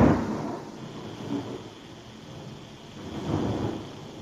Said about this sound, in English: You hear that one? Yes. Usually when you hear the thunder, the lightning just happened.